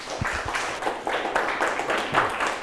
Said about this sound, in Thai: โอเคยอดเยี่ยมมากครับปรบมือให้เพื่อนครับ